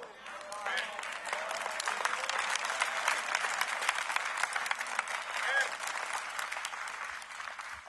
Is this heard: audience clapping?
yes